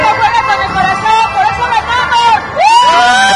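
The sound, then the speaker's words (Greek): A loud, dense crowd roars and cheers in the streets of Mexico City, celebrating the Mexican national football team's winning goal and qualification, voices overlapping in a constant babble, with a sudden surge of whoops and rising shouts near the end. “Οι Ελτροί σκοράρουν τον νικητήριο γκολ εναντί του σημερινού και το Μεξικό εκρήχνεται.”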